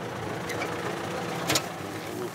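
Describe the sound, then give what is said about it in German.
A tractor with hardly any room left on it idles, its engine a steady, low, rumbling drone that stays at an even level throughout. A brief hissing burst cuts in near the end. “Und auch hier auf dem Trecker ist kaum noch Platz.”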